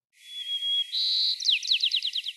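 A city sparrow, recorded in 2005, sings a high-pitched song alone: a long thin whistle, then a brighter buzzy note, ending in a quick series of rapid descending chirps.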